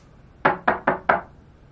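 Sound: knocking on a door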